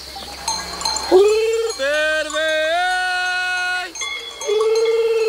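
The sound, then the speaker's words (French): A shepherd imitates a lamb's gurgling bleat in long, wavering calls to call his ewes on summer mountain pastures, fairly loud, with a cowbell-like clank and faint sheep sounds in the background. “C'est le gargouillis de l'agneau. Et du coup, nous, on le prend pour appeler les brebis.”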